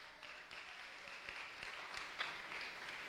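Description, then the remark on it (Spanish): A crowd applauding together for Christ, a dense steady wash of many hands clapping at once, fairly loud and sustained for a few seconds with no one speaking over it. “Denle un aplauso a Cristo.”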